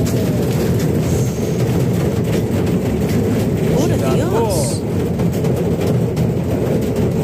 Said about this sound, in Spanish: Por ejemplo, Belleville, miren y escuchen el sonido del granizo.